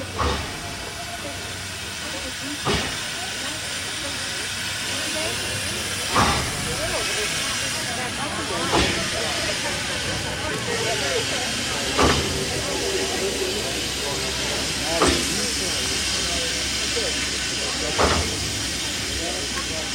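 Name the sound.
old steam train hissing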